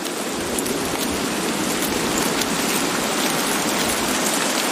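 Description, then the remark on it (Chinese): Heavy rain pours down in a jungle in a steady, dense hiss that stays loud and unbroken from start to finish, a thick wash of drops with no voices or other sounds. “丛林间的活动似乎暂时停了下来，倾盆大雨令这里的动物冷静下来，它们被困于暴雨之中。”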